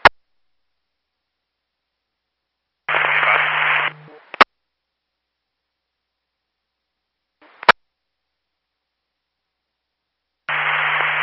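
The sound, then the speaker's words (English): Bursts of harsh radio static hiss on and off, separated by silence and sharp clicks like a transmit key, with a low hum under each noisy burst and no clear voice. “605, that was all static.”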